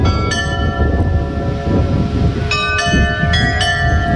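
Carillon bells of the church in Arnemuiden ring out a slow, well-known melody, playing automatically with a few bells missing, bright metallic strikes with long ringing overtones stepping between pitches over a steady low rumble of background noise, with no voices.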